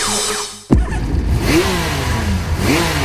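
A motorcycle engine bursts to life and revs hard and loud, with a couple of rising throttle blips over a steady rumbling idle and no voices.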